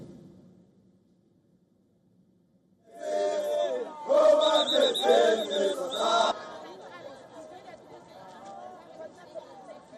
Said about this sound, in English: In a town bordering Johannesburg, thousands of protesters marched against undocumented immigrants, shouting slogans like, "Let them go."